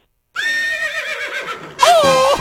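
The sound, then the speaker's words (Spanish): A horse neighs loudly, a long wavering whinny that breaks off and then rises again in a second shrill burst, with no talking over it. “¡Oh! ¡Mi caballo!”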